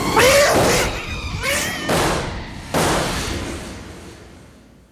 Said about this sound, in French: C'est épouvantable. Je n'ai jamais vu une chose aussi effroyable. Ce chat est devenu fou. Mais comment a-t-il pu revenir à l'état sauvage en si peu de temps?